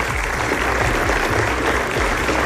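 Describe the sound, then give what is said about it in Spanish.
Steady, dense applause from an audience for two Copa Escolar (school cup) champions who bring their medals, a continuous wash of clapping at an even loudness throughout, with no voices standing out above it. “Fuerte aplauso a los 2 campeones.”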